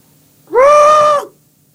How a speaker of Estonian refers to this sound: Kas ma tohiks kuulda seda või õigemini mina ja ka hea raadiokuulaja, kuidas või mis häält teeb näiteks isase sokku meelitamise vile? Kuulake, tuleb isase sokku meelitamise vile.